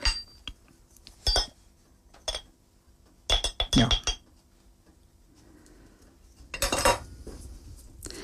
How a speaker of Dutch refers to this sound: Dus de boter komt uit de koelkast. Ik doe die boter daarin. In de schaal. Ik doe boter in de schaal. En dan zal ik daar ook een beetje kaneel bij doen.